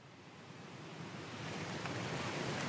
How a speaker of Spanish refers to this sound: Si la marea sube, las olas seguirán subiendo. En una hora será mucho peor. Se lo aseguro, en una hora será mucho peor. Debería calmarse para la mañana, o eso espero. El agua está subiendo.